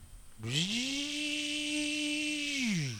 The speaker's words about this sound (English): That's the blender.